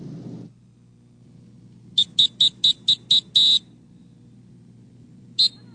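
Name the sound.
lifeguard warning whistle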